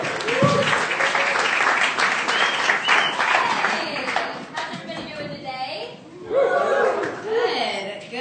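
A crowd applauds with dense, steady clapping mixed with cheers and some laughter, loud throughout and easing slightly toward the end.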